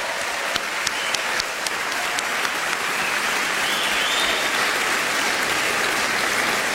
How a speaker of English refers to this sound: Let's have some applause for all four of our jazz masters.